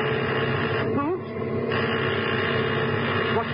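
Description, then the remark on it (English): A pilot's warning signal in an aircraft: two short rising tonal whoops, one early and one near the end, over a loud, steady engine drone. “What was that? The pilot's warning signal.”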